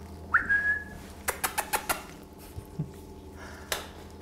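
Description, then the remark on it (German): Kea parrots calling: a single high, whistle-like call that swoops up and holds briefly, followed by a quick run of sharp taps and one more tap later, with no talking. “Tägliche Visite der Keas.”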